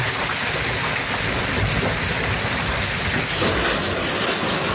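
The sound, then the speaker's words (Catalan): Heavy rain pours down in a steady, dense roar, with deep rumbles of thunder rolling underneath throughout, from storms over the Pyrenees and Pre-Pyrenees. No voices are heard. “Pendents encara de les tempestes que descarreguen amb força el Pirineu i el Prepirineu, sobretot a l'Alt Urgell i la Cerdanya i també al Camp de Tarragona i al Penedès.”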